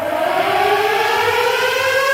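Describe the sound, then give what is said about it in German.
A civil defense siren of the Essen fire department in Essen wails steadily, its sustained rising tone holding loud and continuous throughout, with rich harmonic overtones and no voices. “Es herrscht dann keine Gefahr, solltet ihr heute oder morgen plötzlich Sirenen hören. Dann sind das einfach die Sirenen nebenan aus Essen und die Feuerwehr Essen”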